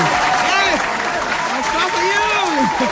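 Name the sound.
clapping applause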